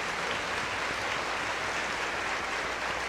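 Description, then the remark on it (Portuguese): Steady audience applause for the catechists fills the whole stretch, a dense, even wash of many hands clapping at once, sustained without pause and with no voices standing out. “Então, aos nossos catequistas, uma salva de palmas a eles.”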